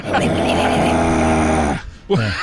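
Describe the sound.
A voice imitates a death-metal growl: one low, raspy, sustained vocal grunt lasting almost two seconds, then a short break before another guttural growl begins.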